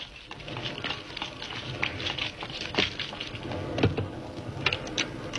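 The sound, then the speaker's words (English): Heavy rain pelts down in a dense, continuous patter, with scattered louder splashes and drips popping out of the steady wash. No one speaks. “Good Lord, it's pelting with rain.”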